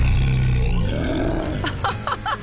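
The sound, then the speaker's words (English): A child's voice growls out a playful roar imitating a tiger cub after the child's mother asks to hear a roar. It is low and rumbling at first, then breaks into a few short, breathy bursts, and it is loud. “You look so cute, my little tiger cub. Just let me straighten out your ears. Oh, so adorable. Now let mommy hear you roar.”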